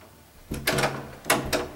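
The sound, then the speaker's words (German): Two bursts of metallic rattling and clunking as a woman takes the chain off an apartment door and opens it, each with a short scrape and low thud; no voices. “Dann nahm sie die Kette von der Tür und öffnete sie.”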